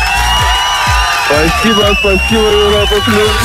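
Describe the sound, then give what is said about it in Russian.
Studio applause and cheering on the Europa Plus radio show for a prize winner fill the whole stretch, loud and unbroken, with high whoops and shouted voices rising over the steady clapping. “я тебя поздравляю, шопер от Европа Плюс летит к тебе в руки, эти аплодисменты также для тебя.”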